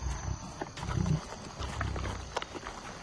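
Lions growling and snarling in a hunt, a series of low, rough rumbles and grunts rising and falling over about three seconds, with brief sharper bursts and no talking.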